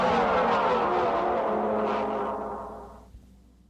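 A car drives by with a steady engine roar and tyre rumble, then fades away over a few seconds, leaving near silence. No one speaks.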